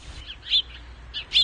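Birdsong outside a temple among lush flowers and trees: two bright, high chirps about a second apart, with softer twittering in between over a low, steady background rumble. No voices.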